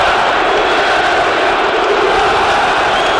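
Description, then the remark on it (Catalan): A large football crowd at the Estadi Metropolitano chants "puta Barça, puta Catalunya" together, a loud, steady roar of many voices blending into one dense wall of sound that holds for the full few seconds. “Aquells crits de puta Barça, puta Catalunya.”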